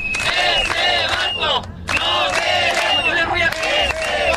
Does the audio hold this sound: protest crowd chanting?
yes